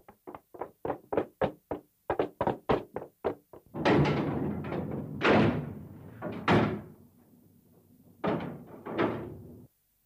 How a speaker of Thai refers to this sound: เอาล่ะก่อนอื่นต้องปิดประตูรั่วให้แน่นนะ